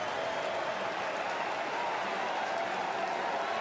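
A large crowd of Mets fans stands and applauds steadily at Citi Field baseball stadium, with the Royals down to their final strike: a dense, continuous wash of clapping and murmur that holds evenly for a few seconds without any clear voices.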